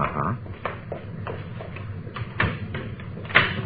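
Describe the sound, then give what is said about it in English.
A door being closed, with a series of short clicks and soft knocks from the latch and handle over a low background rumble, no one speaking. “Closing that so they won't know anybody's been here, huh?”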